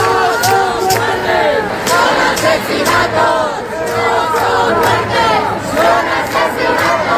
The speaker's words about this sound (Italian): Migliaia di madrileni in piazza alla notizia della morte di Mari Carmen Abascal. Un corteo sfila verso la sede del Congresso dei Deputati gridando assassinata e confluisce alla Puerta del Sol